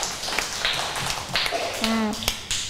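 Scattered classroom applause: sharp, uneven claps from a group spread over a few seconds, moderately loud, with a brief low hum in the middle.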